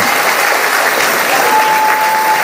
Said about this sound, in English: And there was warm applause and much gratitude for his contribution on Sunday night at the banquet